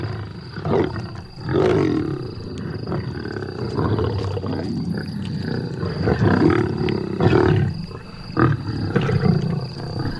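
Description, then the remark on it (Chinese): A pride of lions snarl and roar aggressively while feeding on meat, a continuous rumbling chorus of deep growls with several louder roaring bursts rising above it, no talking. “狮子在进食时非常好斗”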